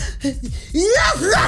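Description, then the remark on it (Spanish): A short gasping intake of breath, then one loud, forceful sneeze with a strongly voiced, rising cry. “Sí, ay, qué rico es sacar el estornudo así desde adentro, sí.”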